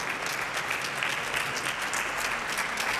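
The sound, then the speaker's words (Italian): Steady applause from an audience, a dense, continuous patter of many hands clapping at an even level with no voices, sustained throughout after a performance by the Quartetto antonelliano of the RAI National Symphony Orchestra. “Io vi lascerei ancora con un applauso per il quartetto.”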